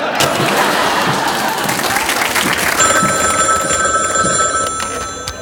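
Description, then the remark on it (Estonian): A telephone bell rings insistently over loud, steady applause and crowd noise, the ringing coming in about halfway through and continuing to the end. “Ärge helistage rohkem.”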